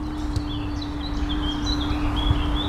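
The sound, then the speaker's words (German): Birds chirp and tweet repeatedly, short high calls scattered across a steady outdoor background of low rumble and a faint constant hum. “Die Vögel zwitschern.”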